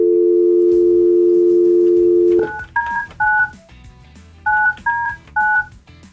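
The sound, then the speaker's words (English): A steady telephone dial tone hums for a couple of seconds, then six crisp touch-tone beeps follow in two quick groups of three as someone places a phone call, clear with no talking. “Hold on. We're going to get him on the phone.”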